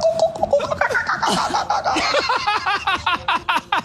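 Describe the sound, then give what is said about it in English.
A person imitates seagull calls, letting out a fast string of high, squawking cries with rising and falling pitch, loud and steady for about four seconds, with laughter-like breaks between them. “Last one. Seagull noises.”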